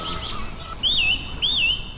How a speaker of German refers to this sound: die Singdrossel kann man immer ganz gut daran erkennen, dass sie ihre Motive immer mehrfach wiederholt